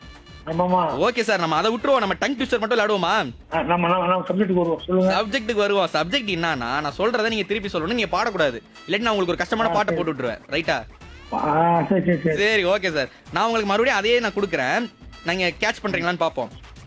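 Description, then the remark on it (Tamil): A person whistles an imitation of a koel's call, giving a long run of rising, wavering cooing notes, loud, with brief pauses between phrases. “sir விசில்லாம் சூப்பரா அடிச்சீங்க”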